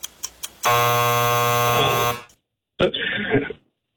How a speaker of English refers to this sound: All right, I think you got it in before the buzzer.